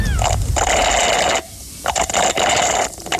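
A frothy, slightly thick drink is slurped through a straw in several long, gurgling, hissy pulls broken by brief pauses, with the bubbly crackle of froth throughout and no voices.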